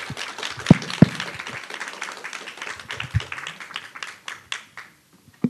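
An audience at a panel discussion breaks into applause, a dense patter of many hands clapping together with a few sharper claps standing out, then thinning and fading out toward the end.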